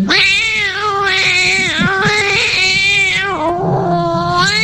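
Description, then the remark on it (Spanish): A cat meows loudly and insistently in a voice message, a long drawn-out wailing yowl that rises and falls across several seconds, with a slightly compressed, phone-like quality and no talking. “Ahí te manda el gato.”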